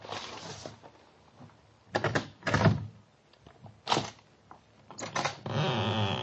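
A letter is pushed under the door of a flat: several short bursts of papery scraping and soft thumps, ending with a longer steady rustle of paper sliding across the floor. No voices.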